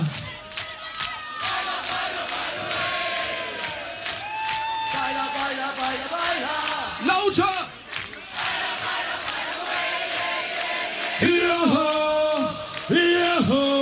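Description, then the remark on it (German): A large crowd chants loudly in unison while clapping along in a steady rhythm, the voices rising into sustained, pitched shouts toward the end. “ein letztes Mal und wir klatschen im Jack, Jack, Jack, Jack, Jack.”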